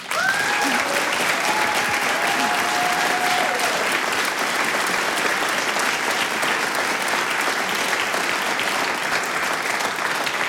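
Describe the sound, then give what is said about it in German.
An audience at a gathering of folk musicians and dancers claps steadily and loudly throughout for folk music researcher Professor Volker Derschmidt, a dense wash of applause with a brief cheer or whistle near the start. “Ich denke, das ist einmal ein Applaus wert.”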